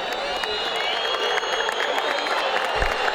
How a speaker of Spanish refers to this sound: Las palmas de San Lorenzo para despedir a su público, algún que otro silbido igualmente.